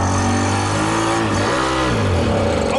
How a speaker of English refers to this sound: I manage to drive the shoe around the car park for about 30 seconds before the engine gives out